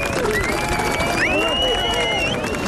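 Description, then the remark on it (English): A large crowd on Garvahee Road claps and cheers without pause late at night while being addressed at a rally, a dense, steady roar of applause with shouts and high whistles rising over it. “addressing the crowds on Garvahee Road late last night.”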